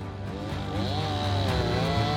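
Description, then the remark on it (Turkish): A loud, steady chainsaw engine drones, its buzzing pitch rising and wavering slightly as it bites into wood while felling a tree, with no voices over it. “Bu ağacı devirmemiz gerekiyor. Bir testere alıp içine bakacağız, tamam mı?”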